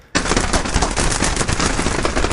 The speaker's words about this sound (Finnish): räjähdys.